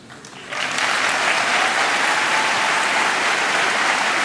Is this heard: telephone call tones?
no